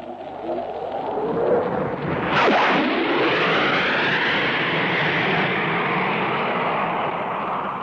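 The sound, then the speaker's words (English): A Hawker Hunter jet fighter flown by test pilot Neville Duke roars past, a loud, steady rushing roar whose pitch swoops downward sharply about a third of the way through, then continues as a broad, fading rumble. “Here comes Neville Duke streaming in the Hawker Hunter after giving us that admirable double bang.”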